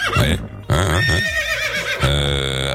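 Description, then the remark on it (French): A horse named Tango whinnies loudly, a wavering, shaky neigh that breaks briefly and then resumes in a second sustained burst. “Vraiment, qui m'a foutu un cheval pareil?”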